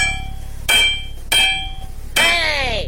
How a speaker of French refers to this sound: Mais c'était le marteau, bien sûr.